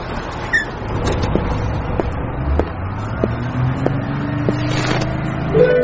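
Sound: city bus engine running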